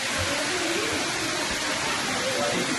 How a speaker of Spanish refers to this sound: el incidente dejaba imágenes impactantes, una gran cantidad de agua cayendo sobre el pasillo y las consultas.